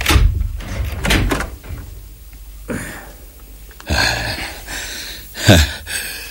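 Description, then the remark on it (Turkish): A door is opened: a few heavy clunks and rattles, then a drawn-out creak and scrape as it swings, with short bursts of handle and hinge noise and no talking. “Sen kapıyı aç, eğer karşıma çıkarsa vuracağım.”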